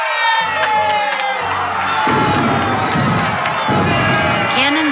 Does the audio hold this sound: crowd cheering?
yes